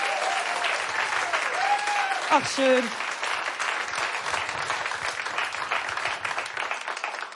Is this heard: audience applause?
yes